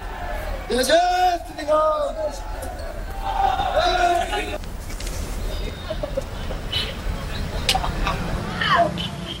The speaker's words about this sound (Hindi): आज ज्येष्ठ मास के पंचम मंगलवार को, बड़े मंगलवार को, आज लाखों की भीड़ यहां पर उपस्थित है हनुमान गढ़ी पर। लोग यहां पर दर्शन कर रहे हैं और आशीर्वाद ले रहे हैं हनुमान जी का।